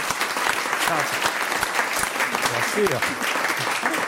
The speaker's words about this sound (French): On va quand même vous applaudir.